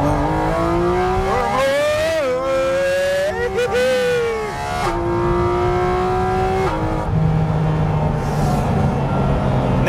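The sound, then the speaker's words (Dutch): A sports car engine revs hard and accelerates out of a corner after pushing to the limit of grip, its pitch climbing through several gear changes, loud, with a voice speaking faintly beneath the engine noise. “Weet je, dat je in dit soort bochten gripgrens opzoeken en dan... uit accelereren.”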